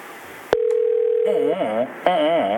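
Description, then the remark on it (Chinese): A phone line clicks and a steady single-pitched ringing tone hums for about a second, then gives way to warbling, melodic electronic tones, fairly loud, as the call goes unanswered and is forwarded to voicemail. “哦，那我无人接咪。”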